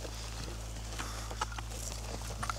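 A horse walks along with a caravan that includes sheep, its hooves giving a few soft, irregular clip-clop knocks over a steady low hum. No one speaks.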